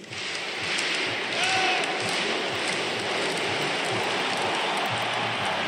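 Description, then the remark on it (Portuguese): A roaring stadium crowd of Cruzeiro football fans celebrating together with the players after a victory in the Campeonato Brasileiro, a dense, steady wash of cheering and noise that stays loud and constant throughout with no single voice standing out. “Tá aí a festa da torcida cruzeirense, juntamente com os jogadores do Cabuloso.”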